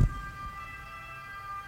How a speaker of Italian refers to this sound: Questa è una sirena.